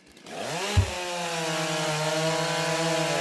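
A chainsaw roars to life with a sharp thump, then holds a loud, steady, buzzing drone as it cuts a round from a wooden log in a timbersports stock saw competition, harmonics steady throughout.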